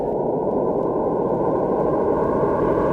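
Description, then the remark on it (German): Many pure sine tones sound at once, merging into a dense, steady, wavering drone that is almost noise-like. It stays loud and unchanging for the whole stretch, with no voices. “Und wenn ich jetzt ganz viele dieser Sinustöne nehme und gleichzeitig abspiele, dann wird das immer seltsamer.”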